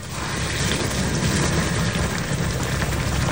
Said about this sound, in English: Look at that boiling. Are you kidding me?